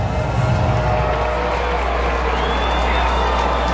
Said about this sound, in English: Crowd crescendos a little.